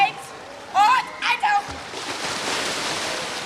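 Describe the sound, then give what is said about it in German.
Children's high-pitched shouts ring out briefly over a steady wash of splashing water during a school swimming lesson, a swim instructor romping with a group in the water; it grows into a broad, continuous churn of activity in an echoing pool. “und tobt gerade mit einer Gruppe im Wasser.”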